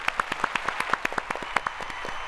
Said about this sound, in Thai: เอาเสียงตบมือไปก่อนค่ะ